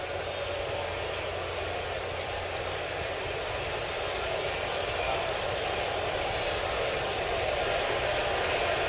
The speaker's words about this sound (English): Kind of a nervous silence here at the stadium. You can hear a little bit of a buzz.